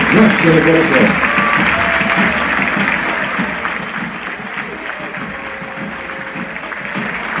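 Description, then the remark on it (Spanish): A large stadium crowd gives a minute of applause at a football match of Unión, a dense, sustained wash of clapping that holds fairly loud throughout, with a commentator's voice talking over it. “Ahí está el minuto de aplauso, señoras y señores.”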